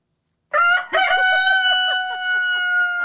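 A rooster crows loudly, one long drawn-out cock-a-doodle-doo that starts abruptly after a brief silence and holds steady to the end, with no voices present.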